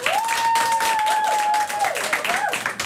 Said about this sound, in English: Do you guys call them fireflies or lightning bugs? Fireflies. All right, let's be simple. Clap for fireflies.